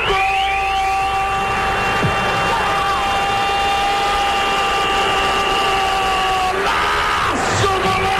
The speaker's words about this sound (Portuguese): Empurra a bola para o canto do gol, São Paulino sacudindo a rede. E a torcida corintiana bate os pés, bate as mãos, bate mais forte o coração.